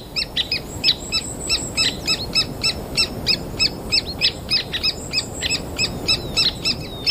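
Three-toed woodpecker chicks calling nonstop from a tree hole, a rapid, steady stream of high, raspy chirps repeating several times a second over a low background rumble, with no voices present.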